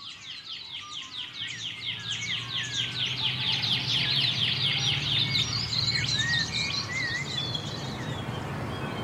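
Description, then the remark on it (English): A pardalote and a shining bronze cuckoo call through a busy outdoor chorus, with rapid repeated high chirps and rising whistled notes over a steady low hum of insects. “I can hear the pardalote, but that sort of pew, pew, pew, pew. Yeah, I think that might be a Shiningbum's cuckoo.”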